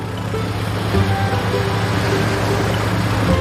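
A fishing boat motor drones steadily at sea, a low rumbling hum with a throbbing undertone that holds at an even loudness throughout, with no voices.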